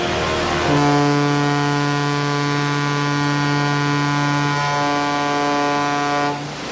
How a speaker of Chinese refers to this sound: 现在广播：1984年12月1日9时20分，穿越赤道，向阳红十号与J121船鸣笛1分钟。